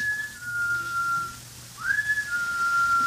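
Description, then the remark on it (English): A person whistles two long, steady notes, the second sliding up sharply before holding, with a low steady hum underneath and no talking. “What could that be? That whistle?”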